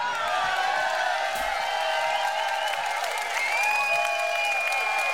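Steady, soft applause from an audience in The Hague, a continuous patter of many hands with faint whistles and murmuring voices mixed in, holding an even level throughout.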